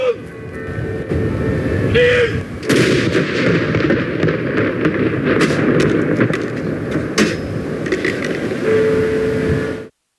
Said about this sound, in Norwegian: Samtidig ble det avfyrt salutt til ære for den avdøde kongen.